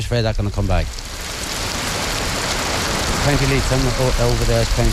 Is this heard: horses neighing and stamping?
no